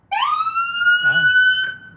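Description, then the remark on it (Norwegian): A loud emergency vehicle siren on a bright yellow station wagon with blue lights on the roof, a mobile emergency medical vehicle being tested in Bergen, Norway, sweeps upward into a steady, piercing wail and holds for about two seconds, with a brief voice speaking faintly underneath. “Med blålys på taket, høglytt sirene og knallgul farge minner det om en ambulanse, men det en helt vanlig stasjonsvogn.”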